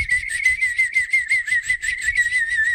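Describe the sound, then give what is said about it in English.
A bird imitation whistled on a turkey baster: a steady, high-pitched tone warbling with a quick, rhythmic flutter, sustained for about three seconds with no talking. “Let's see if I can play a bird sound.”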